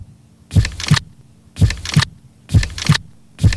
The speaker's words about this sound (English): sit back, relax, and take a moment to listen to your heartbeat. It's beating steadily, slowly, one beat after another.